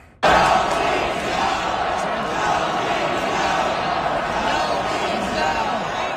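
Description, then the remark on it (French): The Carolina arena crowd roars and cheers after a sudden start, a dense, steady wall of shouting voices that stays loud without letup for about six seconds. “Mais on va vous faire entendre la foule de Caroline.”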